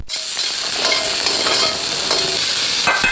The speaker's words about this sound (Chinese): 最后和多种荤素食同炒。这道经典的粤式小炒黄就完成了。